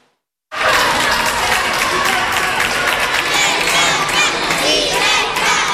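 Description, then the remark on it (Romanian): A large crowd of tens of thousands cheers and shouts along Pope Leo's route during his visit to Madrid, Spain, after a brief silence. A dense, loud roar of many voices with high excited cries rising above it, some calls sounding like children. “Drept dovadă, zecile de mii de oameni adunați de-a lungul traseului său.”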